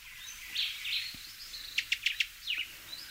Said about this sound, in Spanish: Así suena el barrancolí cubano, nombre científico Todus multicolor. Hace honor a su nombre en latín porque es preciosísimo, apenas alcanza los 11 centímetros, pero concentra una auténtica explosión de colores.